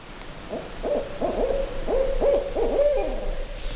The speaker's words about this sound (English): You know, I heard it just land in that eastern hemlock. And so it's kind of been keeping an eye on us. And finally started to talk. And it's not going to stop because it thinks there's another owl here.